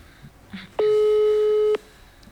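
A single steady electronic telephone tone lasting about a second, loud and clear, with faint background murmur before it: a busy signal on a failed call while trying to reach the town mayor.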